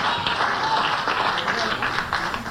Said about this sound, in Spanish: Oh, cuánto dan un aplauso de alabanza al Todopoderoso.